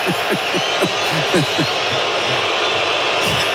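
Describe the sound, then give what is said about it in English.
A stadium crowd in Guadalajara boos and cheers during a football match with South Korea, a dense, steady roar with individual voices rising and falling through the wash of noise for the whole few seconds. “Boos and cheers raining down, a cacophony of Guadalajara noise.”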